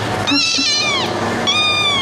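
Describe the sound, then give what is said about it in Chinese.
Two loud, drawn-out cat meows, each with a rising then falling pitch, separated by a short pause; no talking. “你这侧脸还是颇有姿色的，最近新来的猫还都挺有意思的。”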